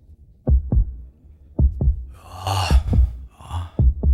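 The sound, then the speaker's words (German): A slow, steady heartbeat thumps in deep double beats, four lub-dub pairs at an even, relaxed pace, with a soft breathy whoosh rising and fading behind the middle beats. “Bei denen ist jetzt der Herzschlag noch entspannt, nicht?”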